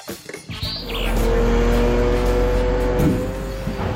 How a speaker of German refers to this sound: Die Laster stehen immer wieder Schlange auf dem Rundholzplatz der Firma Rettenmeier in Wilburgstetten. Die Kräne entladen die Anhänger und füttern die Bänder des Sägewerks, teilweise in 2 Schichten pro Tag.